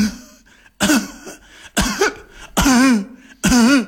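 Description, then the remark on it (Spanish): A voice imitates the harsh, honking, dry and very sonorous cough of tracheitis, four loud dry bursts in a row, each ending in a wavering, goose-like tone, prominent with short pauses between them. “Si la tos es de traqueitis, que es el tubo que va desde la garganta hasta el tórax, suele ser una tos seca y muy sonora, una tos de ganso.”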